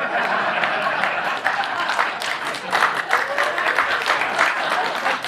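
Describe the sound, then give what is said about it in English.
A crowd bursts into sustained applause, a dense steady wash of many hands clapping at once, fairly loud and unbroken for several seconds with no voices standing out. “You applaud that.”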